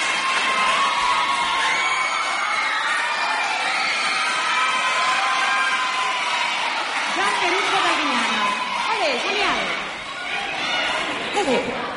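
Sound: audience applause and cheering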